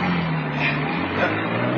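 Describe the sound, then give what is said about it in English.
A car engine hums steadily as the getaway car drives off from a bank robbery, a low continuous drone with road noise and no clear rise in pitch, and nobody speaking. “Now drive. Get those wheels moving.”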